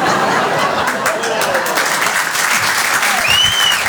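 Steady applause from the provincials in the audience, a dense wash of clapping at a constant loudness for about four seconds, with faint scattered chuckles and crowd murmur mixed in.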